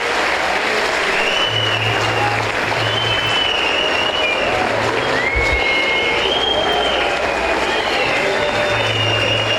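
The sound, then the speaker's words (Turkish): Audience applause for a football club's technical team led by coach Okan, its footballers and all its employees: a dense, steady wash of clapping that holds loud and unbroken for the whole stretch, with faint crowd murmur and a few low hums mixed in. “Ama öncelikle sizlerden, başta Okan hocamız olmak üzere, teknik ekibimize, futbolcu kardeşlerimize ve tüm çalışanlarımıza güçlü bir alkış göndermenizi rica ediyorum.”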